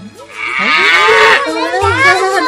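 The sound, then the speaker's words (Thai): A black cow out walking in a village moos loudly, letting out two drawn-out, wavering calls back to back with no talking in between. “เวลาที่วัวดำมาเดินเล่นอยู่ในหมู่บ้านพวกเด็กๆก็จะชวนกันมารุมล้อมและเล่นกับวัวดำ”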